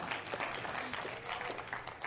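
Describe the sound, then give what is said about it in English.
A crowd claps steadily during a sermon, a dense patter of many hands that holds at an even, moderate level for a couple of seconds without any clear voices on top. “You can clap.”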